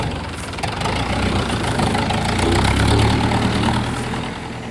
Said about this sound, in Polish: I ciągnik pojechał, relację nadawałem więc z Kaszub i na Kaszubach wciąż jestem.